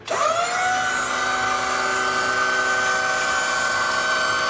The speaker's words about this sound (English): What is that? A drill or a something? No. It's a lift.